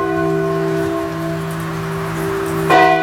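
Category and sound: signal or alarm, church bell ringing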